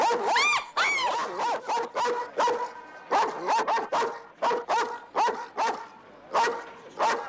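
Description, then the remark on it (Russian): A large shepherd dog, its head at the half-open window of a railway carriage, barks in a rapid, insistent series of about a dozen loud barks, some stretched into whiny yelps, with no talking around it. “В приоткрытом окне появляется голова крупной овчарки.”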